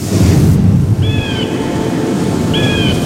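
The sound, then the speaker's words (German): A pet falcon named Frieda calls twice at a rock face, each a high, drawn-out, slightly wavering cry lasting about half a second, heard over a steady low rushing noise with no talking. “Das ist mein Falke Frieda.”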